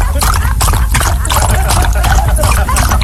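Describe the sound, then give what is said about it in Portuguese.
A thirsty dog drinks its water, lapping in quick, steady wet slurps, fairly loud, with continuous splashy liquid sounds throughout. “Não, continua bebendo sua água.”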